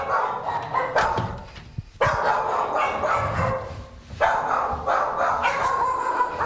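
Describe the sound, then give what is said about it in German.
Several dogs in a kennel bark and yip in a continuous, overlapping chorus indoors, loud, with brief dips before the barking surges again; the dogs had come back inside when heavy rain began. “Da sind ein paar der Hunde wieder nach innen gezogen, wie man unschwer hören kann.”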